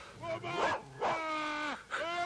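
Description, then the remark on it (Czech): A dog lets out a few sharp barks mixed with long, high, wavering whimpers and whines, several cries in quick succession with no talking, as a man shuts it into a shed. “Podívejte, teď zavírá psa do kůlny.”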